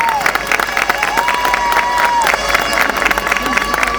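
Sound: crowd applause and cheering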